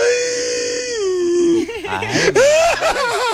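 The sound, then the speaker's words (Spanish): A single voice fakes exaggerated crying, imitating a crying foot: a long whining wail that slides downward, then breaks into wobbly, sobbing whimpers, fairly loud. “Sí, así lloran los pies,”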